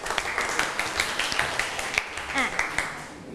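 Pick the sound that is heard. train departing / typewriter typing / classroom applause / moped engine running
classroom applause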